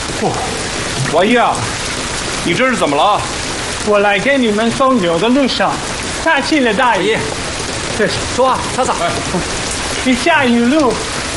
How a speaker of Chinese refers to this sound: 外面冻雨下的够大的，我估计晚一今天不会来了。 这雨下的挺好，等明天雨停了，正好可以赶紧干活。